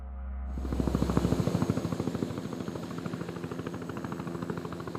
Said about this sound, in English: Not far from here, this military base has become the nerve center of the search and rescue operation. Helicopters landing and taking off every few minutes, bringing back the stranded and the dead.